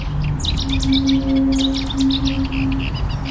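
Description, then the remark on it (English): Marsh birds call in quick, repeated high chirps and twittering bursts over a steady low hum and rumbling outdoor background, with no voices, on wet marshes in the River Thames floodplain at Bexley, London. “And this water, the fact the marshes are so wet, makes them ideal for waders, for bird life, for water voles, for a range of invertebrates.”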